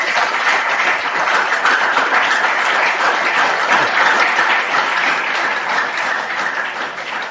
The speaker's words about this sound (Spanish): A Monseñor, gracias por estar aquí entre nosotros. Gracias porque ayer llamó y dijo, sí, puedo ir. Y aquí está. Así que le damos un fuerte aplauso por su presencia.